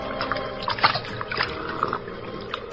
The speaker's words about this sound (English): Place, a bank of the Salinas River in California. Two men scramble down the bank to the water's edge, and the larger of the two, an ungainly giant of a man, throws himself at full length and greedily drinks from the river.